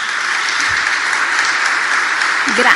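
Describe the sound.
Steady applause from a crowd, a dense, even clatter of many hands clapping at a constant loudness, with a brief voice rising in at the very end.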